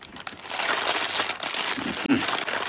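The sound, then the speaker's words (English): Eggs sizzle in hot fat in a frying pan with a steady, loud, crackling hiss that runs the whole time, with a brief pop and dip about two seconds in. No one speaks. “Nice sizzle.”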